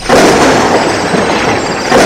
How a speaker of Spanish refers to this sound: Nos encontrábamos en una pequeña barca del lado lejano del lago. Los peces estaban picando cuando escuchamos un rugido de truenos en la distancia.